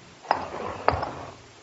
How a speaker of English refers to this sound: It was 3 o'clock in the morning, and I heard a distant clock chiming the hour.